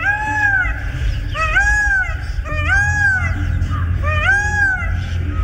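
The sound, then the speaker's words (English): A blue peacock calls four times in loud, nasal, meow-like wails, each cry rising then falling in pitch, repeated at roughly one-second intervals over a steady low rumble. “You can admire the fabulous plumage of the males at close range, or see and hear a blue peacock on video at our website, birdnote.org.”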